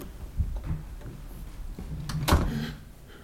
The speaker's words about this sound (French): La porte s'ouvre maintenant.